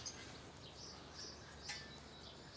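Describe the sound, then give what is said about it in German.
Faint, high-pitched chirps from wary birds in an enclosure that are taking nuts recur in short bursts over a soft background hiss, with a slightly stronger cluster of calls toward the end. No one speaks. “Die Nüsse nehmen sie zwar, aber die Vögel sind noch misstrauisch.”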